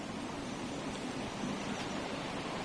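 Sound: roaring sea waves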